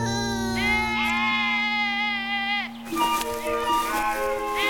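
Sheep and goats bleat, one long wavering bleat drawn out for a couple of seconds, then a few shorter overlapping bleats from the flock.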